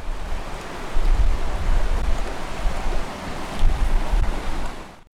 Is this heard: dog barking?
no